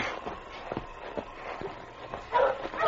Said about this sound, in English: Very good dog, Spud. Your barking helped King find you.